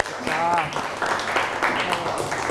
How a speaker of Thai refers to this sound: วันนี้ปรบมือให้ตัวเองหน่อยค่ะ